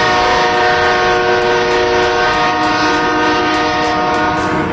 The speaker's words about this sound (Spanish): ¿Y de dónde sacó un tractor encima para ponérsela justo a él? Pero mirá el bocinazo del John Deere, boludo.